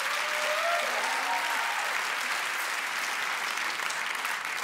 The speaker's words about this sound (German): Mega, ein Applaus.